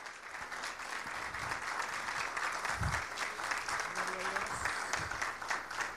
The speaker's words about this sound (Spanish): Así que le recibimos con un fuerte aplauso